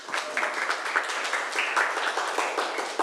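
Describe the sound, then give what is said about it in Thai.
A group applauds two students steadily for about three seconds, a dense, even patter of many hands clapping at moderate volume with no talking over it. “เก่งมากค่ะปรบมือให้ทั้งสองคนหน่อยค่ะ”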